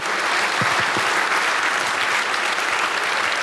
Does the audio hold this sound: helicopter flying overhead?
no